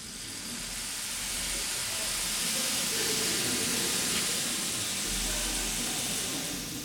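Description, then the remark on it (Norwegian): A percussion section imitates rainfall in an auditorium with a steady, dense hiss and patter that swells gently and fades, without any voices. “Og regnet, det har hun lagt i slagverksgruppen denne gangen. Kanskje vi kan vi få et aldri så lite regnvær inne i aulaen?”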